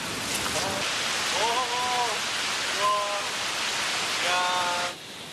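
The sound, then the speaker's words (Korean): A steady, loud roar of rushing water from a waterfall in a cloud forest above 1,000 m in the Knuckles mountain range fills the whole recording, growing as the listener descends, with a few brief voice-like calls rising above it before the roar drops slightly at the end. “와, 지금 점점 내려갈수록 이제 폭포 소리가 거대해지고 있습니다.”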